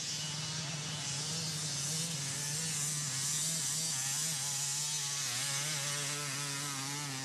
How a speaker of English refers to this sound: Music to my ears. Nothing beats the sound of a two-stroke motorcycle.